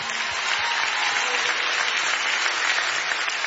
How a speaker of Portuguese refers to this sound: Faz favor de aplaudir este homem, faz favor. Ele bem merece.